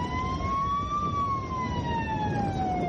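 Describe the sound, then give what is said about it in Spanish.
Vehicle sirens on an airport runway wail steadily and loudly, sounded by those on the runway as Spain's coach and Rodri stand at the plane's stairs with the cup. The pitch slowly rises then gradually falls over a constant low rumble of background noise, with no talking. “Los que están en la pista hacen sonar las sirenas.”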